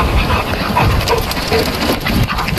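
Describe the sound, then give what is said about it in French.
Steady huffing of a dog breathing, mixed with the dense rustling flutter of a duck's wings beating, continuing for a few seconds with no talking. “Vous allez entendre le chien qui respire et le battement d'ailes du canard.”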